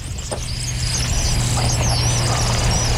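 Thin, high-pitched whistled calls of a kingfisher, faint and repeated a few times, over a steady low engine-like rumble.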